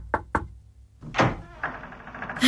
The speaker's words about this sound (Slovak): A ona môže každú chvíľu zaklopať na dvere.